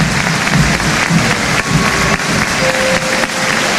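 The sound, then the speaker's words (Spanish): A large stadium crowd of River Plate fans applauds loudly and steadily as Thiago Almada is substituted off, a dense wash of clapping and cheering that fills the space throughout, with a faint sustained whistle-like tone rising above it near the end. “Escuchemos los aplausos a Alejandro.”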